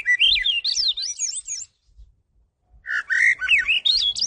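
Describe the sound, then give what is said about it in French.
A bird sings a varied, warbling phrase of rising and falling whistled notes, pauses for about a second, then launches into another similar phrase, clear with no voices. “Quand l'oiseau chante, il répète, il se pratique, il se perfectionne, il devient un meilleur chanteur toujours.”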